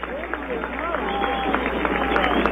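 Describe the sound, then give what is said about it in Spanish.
A stadium crowd at a Deportivo Cuenca football match applauds Lucas Mancinelli as he is substituted off seven minutes before the end, a steady dense patter of clapping mixed with crowd noise that swells slightly over a couple of seconds, while a man's voice talks over it. “Ahí está el aplauso para Lucas, escuchen.”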